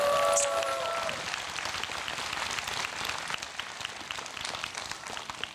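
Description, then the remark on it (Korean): An audience breaks into steady, dense applause for a Korean traditional music (gugak) performer who plays the janggu drum and sings, holding at a fairly even level for several seconds. A brief voice or tonal call rises over the clapping at the very start. “다시 한번 박수 주십시오.”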